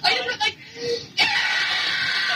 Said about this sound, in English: Like, that's me screaming.